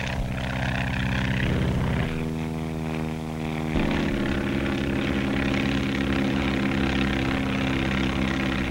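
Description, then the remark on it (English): A propeller plane's engine drones loudly and steadily overhead, its buzzing pitch shifting partway through as it passes, with no voices; the plane is capable of cruising at over 120 miles an hour. “To stand the terrific strain of turning and twisting, the planes have to be strong, yet capable of a cruising speed of over 120 miles an hour.”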